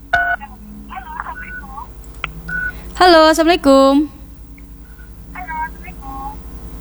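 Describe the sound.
A phone being dialed on the radio call-in show Ruang Rindu, as the host calls a listener who does not answer. Short bursts of two-tone keypad beeps play in an uneven sequence, then a louder, longer tonal burst sounds near the middle, with faint talk underneath.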